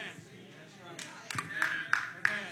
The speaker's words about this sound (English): Thank you for the clap right there. Thank you, man.